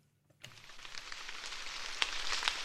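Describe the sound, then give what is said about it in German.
Soft, steady patter of light drizzle falling on the leaves of a maize field in Obernzenn, Franconia, Germany, the first rain in weeks, a dense hiss of tiny drops that starts after a brief silence, with a few slightly louder ticks near the end. “Leichter Nieselregen prasselt auf den Maisacker”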